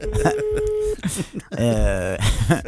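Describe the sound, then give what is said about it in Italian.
A telephone number is redialed to call someone back, heard as a steady, mid-pitched electronic tone lasting about a second beneath a voice, after which people keep talking. “Cioè, proprio, adesso richiamiamo, vediamo. Sentiamo se risponde.”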